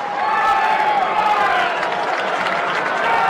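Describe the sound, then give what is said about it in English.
A baseball crowd cheers and yells for player Brian Torres in a steady, dense roar that holds at an even loudness for a few seconds, with individual voices blending into the mass of sound. “And they're yelling for Brian Torres.”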